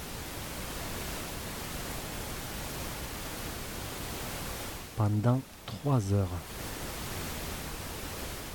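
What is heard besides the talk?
white noise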